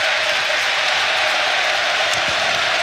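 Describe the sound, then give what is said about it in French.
A large stadium crowd gives a minute of applause in place of a minute of silence, in tribute to people who died, including former player Blé; a dense, even roar of clapping that fills the whole stretch without pause, sounding wide. “C'est pas vraiment une minute de silence, c'est plutôt une minute d'applaudissement, comme vous l'entendez.”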